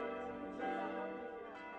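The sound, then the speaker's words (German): New church bells, rung for the first time on 24 September 2006 after the church tower was rebuilt, ring together over Bernsbach by the Spiegelwald in a sustained, layered peal, their overlapping tones humming steadily with no pause between strikes, fairly soft. “Nach erfolgtem Umbau am Kirchturm sind die neuen Glocken am 24. September 2006 zum ersten Mal über dem Ort am Spiegelwald zu hören.”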